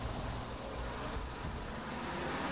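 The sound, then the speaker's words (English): A bus's engine rumbles steadily as it arrives, a deep, continuous drone, with no voices over it. “Oh, here's the bus here.”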